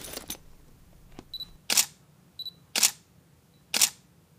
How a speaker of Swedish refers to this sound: Sen tar Elsa fram spökkameran ur spökväskan och fotograferar väggen.